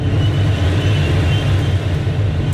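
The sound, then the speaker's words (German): Steady rushing wind noise inside the cockpit of a motorless glider in flight, carried by thermals and the weather, a constant low rumble with a broad airy hiss on top, even in loudness throughout, with no voices. “Und so tönt es in einem Segelflieger.”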